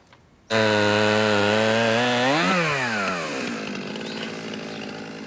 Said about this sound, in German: Ich mag Kettensägen. Es riecht immer so gut.